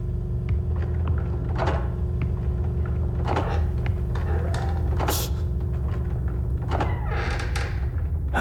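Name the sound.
creaking wooden floorboards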